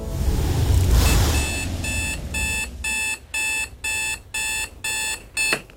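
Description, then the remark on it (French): An alarm clock rings at the end of a nap with a bright electronic beeping that starts after a soft rushing swell, then repeats in a steady on-off pattern of short bursts, loud, with no one speaking. “Le réveil sonne, la sieste de Timothée est terminée.”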